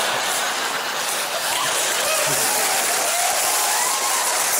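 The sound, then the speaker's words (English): Sustained audience applause at a comedy festival show in Melbourne fills the whole stretch: a dense, steady wash of many hands clapping at an even loudness, with faint crowd murmur and a few chuckles mixed in. “Hey, the more you clap, the less crap jokes I have to tell.”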